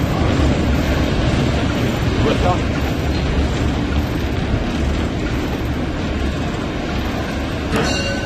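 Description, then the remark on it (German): Loud, steady rumbling roar of a locomotive cab in motion while entering Halberstadt station, dense low-end clatter and hiss filling the whole stretch, with faint muffled voices of a radio telephone call between the locomotive and the signal box buried under the din. “Ein Funktelefon verbindet die Lok mit dem Stellwerk.”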